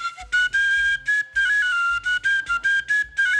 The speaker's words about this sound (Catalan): Sona ben igual que un flabiol. I tant. És un flabiol. Sí, senyora. Doncs això està tret d'un jaciment del Montsec de mitjans del 13, ja està.